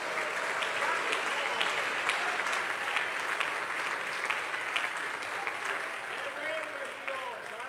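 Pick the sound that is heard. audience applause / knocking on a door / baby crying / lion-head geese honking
audience applause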